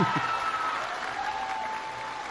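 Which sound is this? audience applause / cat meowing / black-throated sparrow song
audience applause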